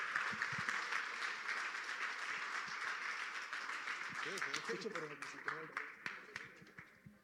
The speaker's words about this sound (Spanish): Den un aplauso a Dios y sonría, que Cristo le ama.